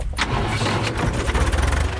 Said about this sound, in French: Au volant de son petit tracteur